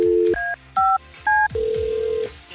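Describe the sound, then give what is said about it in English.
Three crisp, evenly spaced telephone keypad beeps, each a short two-toned chirp, followed by a steady lower line tone, clear with no voices. “We got a very important phone call we got to make here.”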